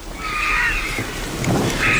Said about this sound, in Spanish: Y la tormenta que se va hacia Grelos, hacia allá lejos.